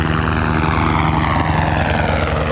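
A firefighting helicopter roars loudly overhead at Eischiköpfe in Valais, Switzerland, early in the morning during a firefighter training on a steep slope. Its rotor and engine drone is steady and dense throughout, with a rapid low thumping pulse underneath and no voices.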